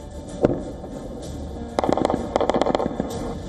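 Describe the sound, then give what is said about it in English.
A rapid series of sharp explosions as four Russian missiles strike targets in the Golosivsky district of Kyiv within less than a minute, with no interceptions: one isolated blast followed by a dense cluster of cracking bangs over a steady rumbling background, with no voices. “In the Golosivsky district, four Russian missiles slammed into targets in less than a minute. There were no interceptions, no explosions in the sky, just impact after impact.”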